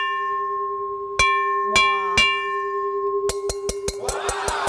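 An uncoated titanium rice cooker inner pot is tapped: three separate ringing strikes, then a quicker run of about seven sharp taps, with a bright, bell-like metallic tone humming underneath throughout.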